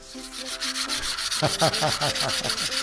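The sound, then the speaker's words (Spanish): Sandpaper rubbing back and forth, a steady rhythmic rasp of quick strokes that grows more pronounced after the first second, with faint tonal sounds underneath. “Ah, perdón, no, me aburre lijar a mí.”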